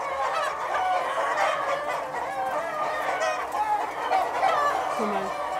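A flock of hens clucks steadily while the flock is being checked to see what is wrong with it; many overlapping mid-pitched calls form a continuous busy chatter at a fairly even, moderate loudness with no pauses.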